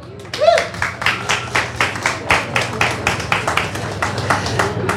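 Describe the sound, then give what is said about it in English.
Audience applause for the performers at the Unplugged event on Old York Road: a steady run of sharp, fairly even claps, about four or five per second, holding at a constant level for the whole stretch over a low background hum. “And please give a big round of applause for our performers today.”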